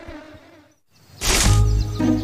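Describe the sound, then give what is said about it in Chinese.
After a brief near-silence, a loud swarm of bees suddenly buzzes up into a dense, steady drone that carries on to the end, with no talking, in a cartoon featuring the bears Xiong Da and Xiong Er. “跟着蜜蜂找蜂窝，有蜂窝就有蜂蜜。”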